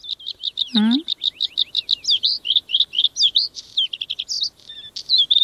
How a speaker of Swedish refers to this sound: Ja, jag gillar blåhaken till exempel. Det är en väldigt vacker sång, brukar ju även kallas förr i tiden för fjällens näktergal, så att den är ju känd för att kunna sjunga vackert.